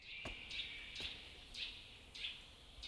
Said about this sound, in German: Also mit dem Köhler verbinde ich eigentlich wirklich morgens den Vogelgesang und der Duft von der Kohle.